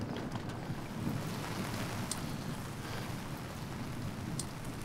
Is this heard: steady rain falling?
yes